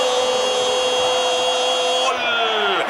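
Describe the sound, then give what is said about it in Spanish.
A power drill and grinder whine loudly and steadily, a continuous high-pitched motor tone that drops in pitch near the end as it spins down, used as a sound effect in a radio advertisement for the hardware store Ferretería Casa Ramos. “Esmeril, Esmeril, Esmeril da un pase corto a Taladro. Taladro, Taladro, Taladro perfora la defensa para Ferretería Casa Ramos.”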